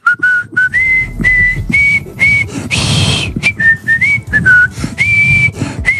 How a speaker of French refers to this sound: mais je vais quand même siffler la Marseillaise pour conclure cette émission.